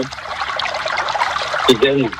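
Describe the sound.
Water pours steadily from a container in a continuous bubbling trickle, with a brief murmur of a voice rising over it near the end.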